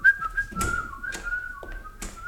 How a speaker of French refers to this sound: Comment ? Il siffle ? Eh ben, voilà un témoin qui a une façon de comprendre sa mission.